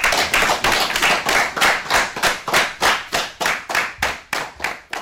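A group of children clap together in a steady, fast rhythm, many hands striking roughly in unison for several seconds, loud and sharp with no voices.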